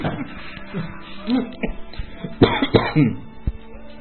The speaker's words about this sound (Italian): La tosse.